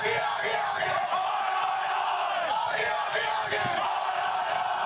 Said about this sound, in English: Suddenly, the whole crowd participates in this call and response. It's a strange experience of coordination.